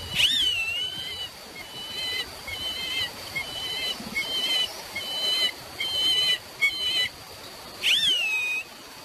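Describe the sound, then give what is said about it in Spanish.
Thin, distant whistling calls of a bird in flight rise and fall against a steady hiss of background noise, one clear call at the start and another near the end, with fainter whistles between. “Así como una especie como de silbidito, como sí, de...”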